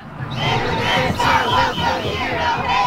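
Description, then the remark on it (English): A large crowd of over 100 protesters yells and chants together in a loud, sustained roar at a Saturday protest against U.S. Immigration and Customs Enforcement, across from the agency's West Side office in Indianapolis. Many voices overlap with rising and falling shouts throughout, with no single clear speaker. “For hours, they blew whistles, yelled chants, and held signs that said things like ICE out.”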